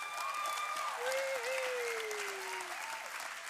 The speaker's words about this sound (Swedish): Så, damer och herrar, ge en varm applåd för dagens vinnarlag. Sneaky Alingsås!